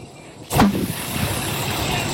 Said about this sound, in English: And then it started flaming more, and then the whole car went up. It was popping. The grass next to it was on fire. Here is audio of a burning tire exploding.